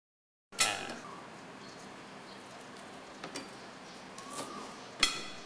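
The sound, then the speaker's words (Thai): A knife chops down onto a wooden cutting board, slicing peeled lemongrass, giving a sharp loud knock followed by a few lighter, irregular taps and one more crisp chop near the end. “เราจะหั่นขึ้นมาประมาณสักนะฮะ1นิ้วนะครับแล้วก็ลอกเอาเนี่ยออกนะครับแค่นี้เองนะครับแล้วก็หั่นนะฮะ”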